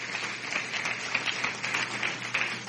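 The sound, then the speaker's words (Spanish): An audience applauds God the Father, the Son and the Holy Spirit, a steady wash of many hands clapping at once, dense and sustained for the whole stretch with no voices rising above it. “Un aplauso a Dios Padre, a Dios Hijo, a Dios Espíritu Santo.”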